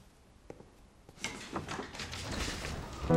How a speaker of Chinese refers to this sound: 谁呀？ 我去开门